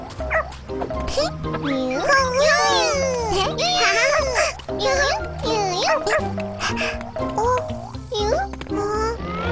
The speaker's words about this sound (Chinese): 原来是个小狗，你找不到你妈妈了吗？